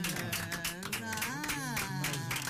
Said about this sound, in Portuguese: A Casa José Maria da Fonseca. E uma salva de palmas.